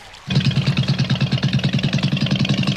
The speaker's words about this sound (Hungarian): És elindítja a csónakot, amely lassan, nagy félkörben kanyarodik visszafelé.